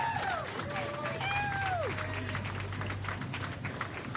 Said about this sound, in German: Ein großes Danke an Fritz, dass sie das hier auf die Beine gestellt haben, oder? Großen Applaus!